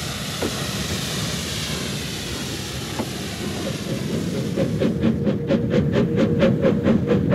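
A train rumbles steadily along the rails, and partway through a regular clacking of wheels over track joints emerges, close and fairly loud, with no voices.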